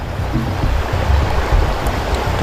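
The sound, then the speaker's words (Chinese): A steady, hissing trickle of water, a thin stream poured from a mineral water bottle pierced with a small hole, runs continuously with soft low rumbles underneath and no voices. “对，咱们扎个孔，用个细小的水流，跟这个缝差不多的就是一个比例。”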